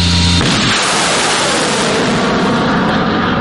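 A HIMARS rocket launch after target coordinates are entered, under a clear sky: a low engine hum is cut off by a sudden, loud blast that becomes a sustained, rushing roar, filling the remaining three seconds with no voices.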